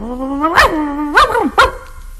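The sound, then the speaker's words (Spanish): A skinny, flea-ridden dog barks three times, each bark sharp and shrill with a whiny, drawn-out tone between them, heard alone with no talking. “O uno flaco, tilico y pulguiento.”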